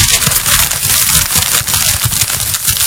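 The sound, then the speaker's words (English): A single piece of paper crumpled steadily in the hands, with no instruments or computer, to mimic a crackling fire, a dense, irregular stream of sharp crackles and pops over a broad hiss, fairly loud and unbroken, with no voices. “Ladies and gentlemen, no instrumentations, no computer, just me and a piece of paper. The sound of fire.”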